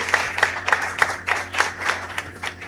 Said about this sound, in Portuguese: Uma salva de palmas a todos, vamos ficar de pé.